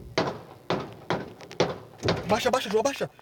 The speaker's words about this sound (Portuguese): Foram registrados ao menos 5 disparos de arma de fogo. O corre-corre foi grande no estacionamento.